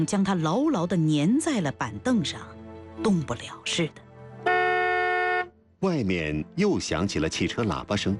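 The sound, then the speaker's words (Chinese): A car horn outside gives one sustained honk of about a second, drawn out longer than an earlier short toot, steady and fairly loud, in a brief gap between stretches of a person talking. “外面又响起了汽车喇叭声，比刚才拖长了声音。”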